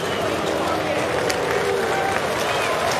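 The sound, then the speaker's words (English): A baseball crowd at Progressive Field in Cleveland applauds pitcher Gavin Williams after Arizona's Tim Tawa singles in the sixth to end his perfect game, a steady, dense wash of clapping and cheering voices that holds at an even level throughout, with a few shouts and whistles rising above it. “And Gavin Williams will get a nice hand from this crowd here, Progressive Field.”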